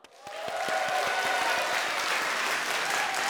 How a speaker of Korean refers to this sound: 재밌었죠? 재밌었으니까 한 번 더 박수!